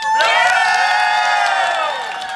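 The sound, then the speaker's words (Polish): A live audience in Toruń cheers loudly, a sustained wash of many voices with high whoops and shouts riding on top, holding steady for a couple of seconds before easing slightly. “Żeby był sygnał dla tych wszystkich, którzy słuchają w domu, że tutaj ktoś dzisiaj przyszedł, prawda?”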